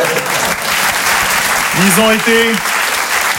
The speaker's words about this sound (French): On applaudit l'équipe technique.